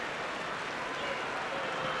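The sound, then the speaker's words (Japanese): A sumo arena crowd applauds and cheers after Fujinokawa's win by tsukiotoshi (thrust down), in a dense, steady wash of clapping and voices that holds at an even level for the full two seconds, with no single voice standing out. “館内は歓声、そこから拍手。”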